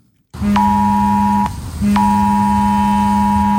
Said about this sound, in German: So klingt es nämlich richtig. Schrillende Handys und heulende Sirenen. Darauf solltet ihr euch heute Vormittag einstellen. Um 11 Uhr werden nämlich wieder die Alarmsysteme für den Kriegs- und Katastrophenfall getestet.